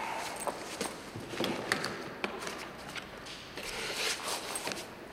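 A doctor opens a briefcase with sharp clicks and taps, followed by soft rustling and shuffling as he handles his papers and puts them away, with no voices.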